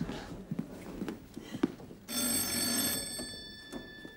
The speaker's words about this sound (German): Dann klingelt es plötzlich und da steht dann eine Mutter vor der Tür